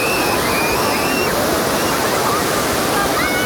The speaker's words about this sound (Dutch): De deining van de oceaan zorgt hier het hele jaar door voor golven.